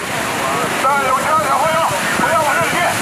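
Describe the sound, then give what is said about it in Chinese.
Steady, loud rush of surf and strong gusting sea wind at a bathing beach on an afternoon at high tide, waves breaking one after another on the sand, with people's voices calling faintly in the background through most of the stretch. “午后的海水浴场正值大潮，几个年轻小伙子朝深水方向越游越远，海浪里的身影忽高忽低。”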